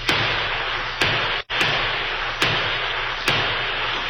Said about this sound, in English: The outlaw Indians halted and returned the gunfire that came from a little house at the edge of the Pawnee Reservation.